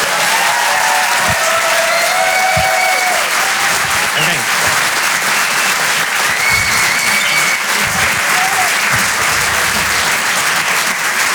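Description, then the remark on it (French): Loud, sustained applause from a comedy show audience in Paris for comedian Amine Radi on Rire et Chanson, a dense steady roar of clapping with scattered cheers and whoops rising through it for the whole stretch. “Je vous demande de faire et un maximum de bruit également pour Amine Radi sur Rire et chanson.”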